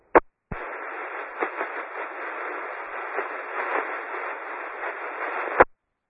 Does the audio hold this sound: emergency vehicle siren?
no